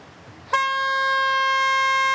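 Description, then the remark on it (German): A loud, sustained horn blast starts abruptly after a short quiet moment and holds steady at full strength to the end, a harsh, brassy warning tone. “Tröte? Tröte.”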